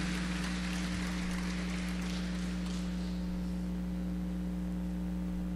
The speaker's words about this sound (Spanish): quien recibe también el aplauso y cariño de todos sus compañeros y nuestro presidio.